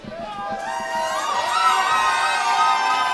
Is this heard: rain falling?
no